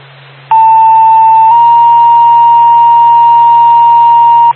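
An emergency dispatch pager alert paging Barna EMS: a loud, steady electronic tone that briefly holds one pitch, then shifts into a long sustained second tone lasting about three seconds, over a low radio hum.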